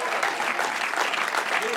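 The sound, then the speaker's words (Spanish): An audience applauds for the name of Christ with a dense, steady wash of clapping that stays evenly loud and unbroken for the whole short stretch, with no distinct individual claps standing out. “El fuerte se aplauso a su nombre.”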